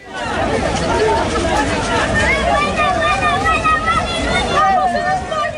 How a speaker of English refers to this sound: Well, that footage shows crowds of people, many of them Moroccans, running along the beach in Ceuta.